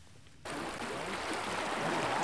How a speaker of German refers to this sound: Die Sonne scheint, im Hintergrund hört man Wasser plätschern.